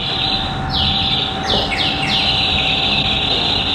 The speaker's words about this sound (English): And the birds whistling? Oh, the birds whistling, yes.